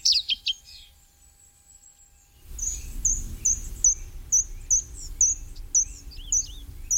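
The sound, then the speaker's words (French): A common redstart sings a short, high opening phrase, then, after a pause, a steady run of thin, sweet notes repeated at even intervals over a soft low outdoor rumble. “c'est le rouge-queue à front blanc, qui lui est migrateur, alors que le rouge-queue noir est plutôt sédentaire chez nous.”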